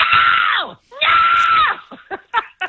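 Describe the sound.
A person loudly imitates screaming coyotes with two long, shrill, wavering howls that bend downward at the end, followed by a few short yelping bursts, alone without other talk.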